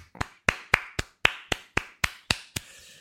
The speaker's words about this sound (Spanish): Un aplauso.